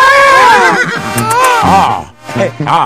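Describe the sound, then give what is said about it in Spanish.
A loud horse whinny with a shrill, wavering pitch that trails downward, followed by short vocal-sounding bursts near the end. “Hoy aprovechando que ya saqué mi caballo.”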